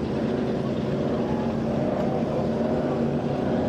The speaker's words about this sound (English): that's your American Offshore. It's a 3100. These boats have a real narrow tunnel